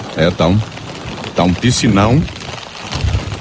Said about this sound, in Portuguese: Tá um piscinão aqui. O volume de chuvas foi muito grande. E esta região, especialmente esta região da cidade aqui, virou um piscinão durante a madrugada desta quarta-feira. E continua chovendo.